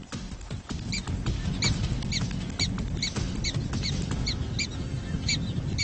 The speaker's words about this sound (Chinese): 听邻居们在叫个不停，这样洞内的犬鼠就能知道胶囊的方位了。